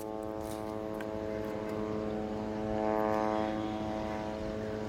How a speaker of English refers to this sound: Well, it's continuous. The drones buzzing in the sky are continuous, and the attacks against the Palestinians in the Gaza Strip continue.